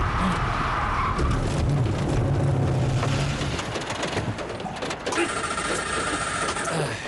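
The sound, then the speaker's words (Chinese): A car engine drones and strains steadily as the car drives slowly uphill in the rain. Its low rumble rises and falls under a constant hiss of rain, with occasional rattles and a higher whine near the end. “哎，下雨了，开慢点啊。 哎哎，上坡了，大家坐稳哈。”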